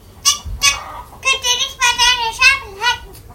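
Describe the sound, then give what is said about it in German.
A rooster crows loudly at dawn across a farmyard, a few short clucking bursts leading into a longer, wavering crow that rises and falls over about three seconds. “Sein Kikeriki schallt über den ganzen Hof.”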